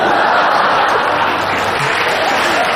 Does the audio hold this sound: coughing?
no